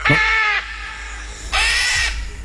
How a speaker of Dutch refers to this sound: Het is een papegaai, een groenvleugelara.